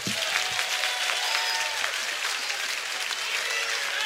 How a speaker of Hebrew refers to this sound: תנו לו כפיים